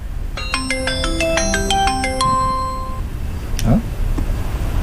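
A video call ringtone as a father and child place a video call to the mother. It plays a bright, repeating electronic melody of quick stepped tones for about three seconds over faint room noise, followed by a brief soft rustle.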